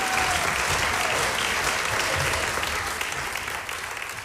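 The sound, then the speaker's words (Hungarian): Steady audience applause for two performers being called onto the stage fills the whole stretch, a dense wash of many hands clapping at a fairly loud, even level that eases off slightly toward the end. “Kérek egy nagy tapsot nekik.”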